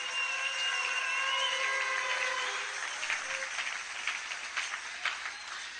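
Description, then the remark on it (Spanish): An audience applauds in a dense, steady wash of clapping. Sustained tones ring over it at first, then fade as sharper, scattered claps stand out toward the end. “Un aplauso, Señor.”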